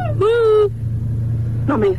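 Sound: car engine rumbling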